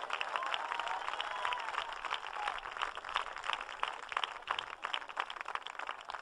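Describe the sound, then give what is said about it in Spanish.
Scattered applause from a gathered crowd, a loose patter of many hands clapping steadily for several seconds, soft, with no voices standing out. “Pocos aplausos se oyen por este lado.”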